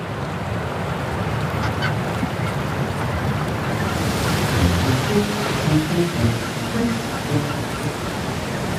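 Steady surf washes over a rocky shore while, about halfway through, a macaroni penguin standing on a large rock among countless chinstrap penguins begins a series of short, harsh, braying calls that repeat above the crashing waves.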